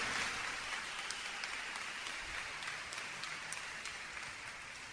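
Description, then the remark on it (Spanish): An audience applauding steadily, a dense wash of many hands clapping at once that holds at an even level throughout, with no voices standing out. “Mis hermanos, mis hermanas, ese aplauso es para el de arriba, ¿eh?”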